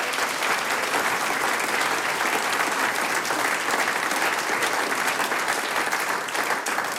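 Sustained applause from a large audience, dense and steady clapping filling the whole stretch at a fairly loud, even level with no pauses.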